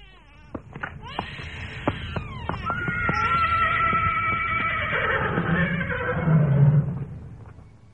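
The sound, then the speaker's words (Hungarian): A horse lets out a long, loud whinny, its shrill, wavering call sliding downward over several seconds, after a few sharp knocks and clatters at the start. “Előtt fogd ki a lovakat!”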